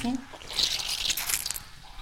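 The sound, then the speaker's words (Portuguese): Wet squelching and trickling as leftover water is pressed out of fresh cheese curd during artisanal cheesemaking in Cape Verde, a steady hissy splatter over about two seconds, with a brief murmur of a voice at the start. “Este barulho que estamos a ouvir é, está a tentar a tirar o resto da água do leite.”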